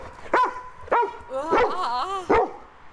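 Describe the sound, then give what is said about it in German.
An excited, lively dog barks several times in quick succession, mixing sharp barks with higher whiny yelps between them, as it greets a visitor at a home beside a busy federal road near Lichtenfels, Upper Franconia, Germany. “Begrüßt werde ich von einem lebhaften Hund.”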